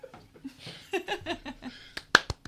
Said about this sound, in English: Golf clap and a roar from the crowd.